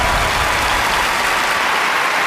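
Steady, loud audience applause, a dense wash of many hands clapping continuously for a couple of seconds with no voices over it, as contestants are invited onto the stage of a poetry quiz show.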